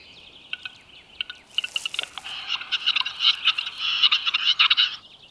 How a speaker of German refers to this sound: Der Auerhahn, Europas größter Hühnervogel, führt seinen Balztanz auf, um Hennen anzulocken. Während der Paarungszeit ist der Testosteronspiegel des bis zu einen Meter großen Hahns extrem erhöht.